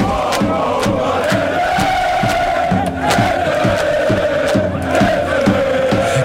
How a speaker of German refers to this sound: Und die deutschen Fans vor Ort, die sind sowas von ready. So klang's mitten am Times Square in New York.